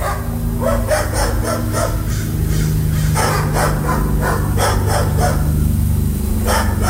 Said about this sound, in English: My neighbor's dogs at 6 o'clock in the morning.